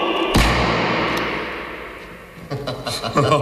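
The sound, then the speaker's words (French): A single revolver shot booms inside an enclosed strongroom vault with no window and walls a metre thick, a sharp heavy report with a low, muffled reverberant tail, followed a couple of seconds later by a man talking. “Tu vois, on pourrait tirer le canon ici, personne n'entendrait.”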